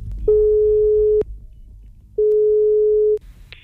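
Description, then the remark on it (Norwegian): Ringback tone of an outgoing phone call to Ørjan Nyland: two steady, mid-pitched beeps, each about a second long with a short pause between, followed by a brief click as the line connects. “Men skal vi ringe Ørjan Nyland og spørre om det der å dusje, ikke dusje rett etter trening, om det greit?”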